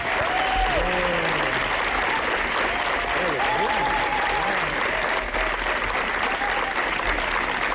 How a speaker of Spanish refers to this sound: Largo aplauso, ¿eh? Ha sido una ovación, no como las del Festival de Cannes, pero bueno, casi parecido.